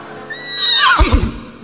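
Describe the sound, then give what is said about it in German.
A horse named Walla, ridden by an archaeologist along the Baltic Sea beach, gives a loud whinny, its high quavering call sweeping downward and ending in low, snorting pulses. No voices are heard. “Das ist ein Liebespferd und das Pferd wiehert sofort sich hin.”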